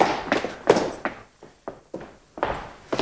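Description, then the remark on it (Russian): A run of heavy, irregular thuds, like stomping or running footsteps on a wooden floor, about eight or nine impacts in quick uneven succession, moderately loud, with no voices. “Я слышал топот.”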